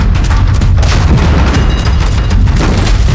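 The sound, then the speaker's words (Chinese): Heavy artillery booms from enemy Japanese guns roll continuously, a dense, loud low rumble punctuated by several sharper blasts in quick succession, with no voices. “好像是鬼子的排气炮声，这鬼子可真够快。”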